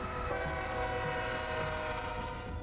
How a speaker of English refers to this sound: The hub of Wyola is about 2 blocks wide by 3 blocks long, and the blaring of a train horn is a staple atmospheric sound here, with a major freight line passing right through town.